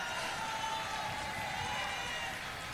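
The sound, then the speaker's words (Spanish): A large crowd applauds and cheers for the couple representing the Magallanes and Chilean Antarctic region, Punta Arenas, in Chile: a dense, steady wash of clapping and voices that keeps going without a break, loud. “Oye, más fuerte el aplauso a la pareja que representa la región de Magallanes y la Antártica chilena. ¡Aplausos a Punta Arena!”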